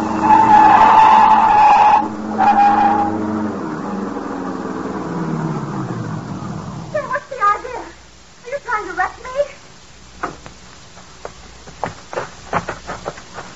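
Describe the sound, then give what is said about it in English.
Car tires squeal loudly in a sharp, high skid for about three seconds as a car is run off the road into a ditch, then an engine roars and winds down before brief voices and a few clunks follow. “Now, run her off in the ditch.”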